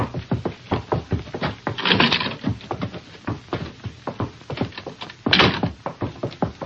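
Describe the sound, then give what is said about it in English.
A prison door is unlocked and opened by the warden: a rapid run of rattling clicks and clunks from the lock, with a couple of louder, heavier bursts as the door moves. No one speaks. “I unlock this door, Bill.”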